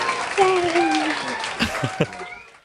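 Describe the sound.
A short burst of applause, a dense patter of clapping with voices whooping and cheering over it, and a few sharper, louder claps standing out near the end as it fades.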